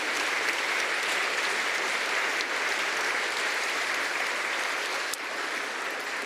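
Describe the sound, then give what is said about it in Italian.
Steady, sustained applause from a large audience for a youth orchestra, a dense crackle of many hands clapping at an even level for several seconds with no voices on top. “Facciamo un applauso anche a questa orchestra.”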